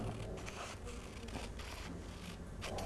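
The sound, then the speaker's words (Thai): Scissors cutting paper in straight lines along dashed lines, shown to children by a teacher, with a series of soft, crisp snips and rustling spread irregularly across the moment. The sound is quiet, with no voices. “เด็กๆตัดกระดาษได้ไหมคะและ5เส้นค่ะวันนี้เราจะตัดเส้นตรงกี่เส้นลูก5เส้นนะคะตัดขาดไหมไม่ขาดนะคะจะไม่ขาดออกจากกัน”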